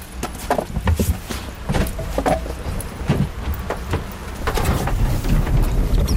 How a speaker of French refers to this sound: On remarque que le moteur part en quart de tour.